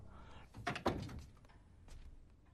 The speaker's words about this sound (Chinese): 白帆用钥匙开门后进了屋，他手里一直在摆弄手机。